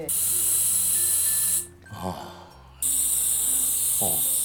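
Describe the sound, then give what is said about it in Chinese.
A portable oxygen canister, of the kind used by mountain climbers at high altitude, sprays in a loud, steady hiss that cuts off briefly, then resumes for a second long burst. A voice speaks in the pause and again near the end. “杀虫剂。 不是， 氧气啦。”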